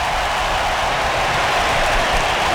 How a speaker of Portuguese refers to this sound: Até os ingleses estão aplaudindo.